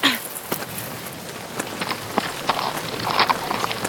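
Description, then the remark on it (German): Irregular hoof clops from horses being led at a walk through a forest by riders who have dismounted, sharp knocking hits spaced unevenly over a steady rustling background, with a soft voice briefly at the start. “Führen wir die Pferde für ein paar Meter.”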